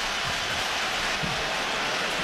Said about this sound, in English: Now the cheering you hear from the fans, believe that the Knicks are going to challenge here.